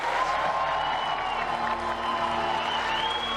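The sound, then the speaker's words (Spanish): An audience applauds warmly as Marina Silva, Minister of the Environment, is invited onto the stage to receive honors, a dense, even wash of clapping that holds the same loudness throughout, with a faint high tone running beneath it. “Ahora, con un caluroso aplauso, invitamos a la señora Marina Silva, ministra de Medio Ambiente, a subir al escenario para recibir los honores.”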